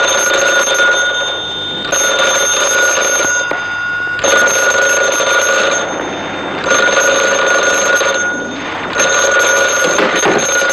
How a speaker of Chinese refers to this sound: 接电话。